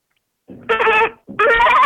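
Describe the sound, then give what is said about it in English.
A person imitates a goat, letting out two loud, quavering bleats in quick succession, each rising into a wavering nasal cry, with no other talking. “Okay, so make the sound of a normal goat, like when a goat is trying to bleed.”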